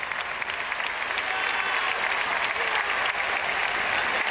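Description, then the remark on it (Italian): Loud, sustained applause from a large church audience during the first papal visit to Gran Canaria, a dense, continuous roar of clapping with no pauses and no one speaking over it. “In questa vigilia del Sacratissimo Cuore di Gesù, mentre continua l'applauso fragoroso di tutta l'assemblea, segno di grande affetto per questa prima visita di un pontefice, la prima visita storica di un pontefice a Gran Canaria.”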